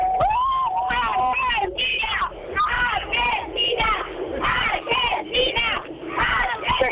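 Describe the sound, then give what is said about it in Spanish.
A dense crowd of fans of all ages, dressed in light blue and white, on packed double-decker City Tour buses in the streets of Córdoba before the final, roars and chants, many voices shouting and singing together in loud, rhythmic bursts, with a few whistles and high yells cutting through the steady din. “Te comento a vos y a la radio más federal que estamos en esos colectivos de City Tour, de doble plaza, arriba y abajo, lleno, pero lleno de gente de todas las edades, chicos muy chicos, abuelo, papá, mamá, todo vestido de celeste y blanco, con globos”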